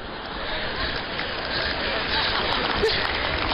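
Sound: audience applause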